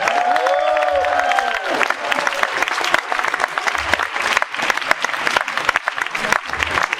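An audience breaks into sustained applause, dense clapping filling the room at a steady, fairly loud level, with a brief high whistle or cheer near the start.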